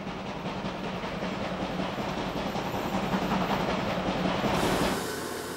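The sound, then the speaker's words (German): A German class 84 steam locomotive pulling carriages rolls along the rails, loud, with a steady rumble and rapid rhythmic clatter, the sound shifting and thinning slightly near the end. No one speaks. “Nur auf Zelluloid blieben diese Dampfresser lebendig.”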